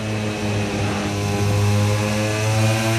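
Loud, continuous roar of racing motorcycle engines as riders ease off slightly and open the throttle hard again, a dense buzzing drone rich in layered harmonics that holds steady for about three seconds with no voices.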